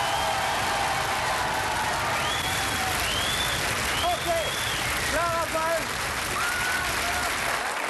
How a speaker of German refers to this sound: Und jetzt, meine Damen und Herren, bitte Ihr Applaus für das grüne Team.